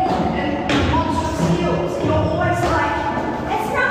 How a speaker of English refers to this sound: She's stomping down the stairs.